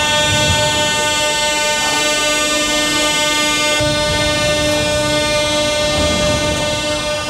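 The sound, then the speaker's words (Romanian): A metro train in an underground station in Kyiv, Ukraine, where thousands of people sheltered during overnight Russian missile and drone attacks, gives off a loud, steady whining drone that holds for several seconds over a low rumbling clatter, with no voices. “Mii de oameni s-au refugiat în stațiile de metrou.”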